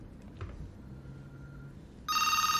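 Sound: telephone ringing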